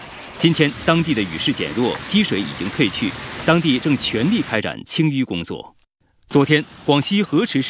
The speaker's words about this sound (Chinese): 昨晚至今天凌晨，广西河池市巴马瑶族自治县遭遇暴雨侵袭，河水倒灌，城区出现内涝，主干道水流湍急，有车辆熄火被困。